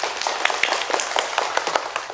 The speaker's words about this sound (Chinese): 现在我宣布，获得最佳申遗大使团的是红桃国组。掌声祝贺他们。